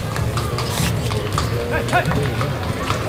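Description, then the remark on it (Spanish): Hooves of a purebred bay Lusitano horse named Pan de Oro clop unevenly on hard ground as it is led out during a change of mount, set against a steady murmur of crowd chatter and background voices. “Ahí sale el caballo.”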